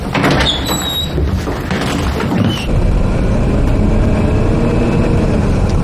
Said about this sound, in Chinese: 谢谢司机师傅。 开门。